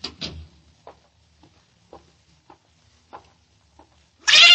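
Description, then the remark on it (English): Susie, a cat, gives a brief, plaintive meow right at the start, then quiet with a few faint scattered taps, ending in a sudden loud burst of hissing noise. No one speaks. “You'd like that cat, Miss Diane.”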